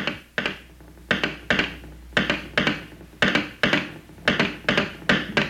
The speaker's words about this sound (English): You can make rhythms with just sticks and a box.